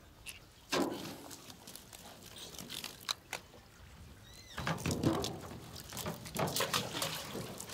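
Unwanted bycatch fish from an eel trap net are tossed back into the water, making several splashes and sloshes among small handling knocks and clicks, with no one speaking.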